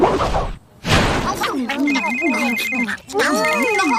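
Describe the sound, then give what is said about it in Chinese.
In the PAW Patrol cartoon, a phone ringtone for a call to the PAW Patrol plays a bright, warbling electronic melody with a steady high beeping tone, in two phrases split by a brief pause, after a couple of loud noisy bursts at the start. “我最好呼叫汪汪队。”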